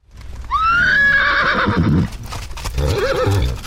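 A horse lets out a loud whinny that rises and trembles for about a second and a half, followed by a shorter snorting neigh, with soft hoof shuffles underneath.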